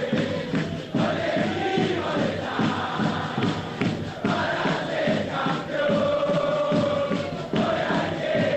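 A dense crowd of Belgrano football supporters at the Hotel del Pirata chants and cheers together as the team bus prepares to leave, a loud, steady roar with rhythmic pulses and sustained sung tones rising through the massed voices.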